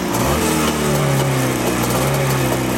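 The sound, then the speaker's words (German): A vintage motorcycle engine, started after its carburettor is flooded for more fuel, runs steadily, a loud, continuous low buzzing drone with a slightly rising pitch and rattling texture, with no talking over it. “Und dann dürfte er eigentlich laufen.”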